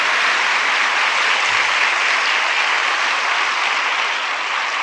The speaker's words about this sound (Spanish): Un aplauso para la Virgen María. Fiel hasta el final.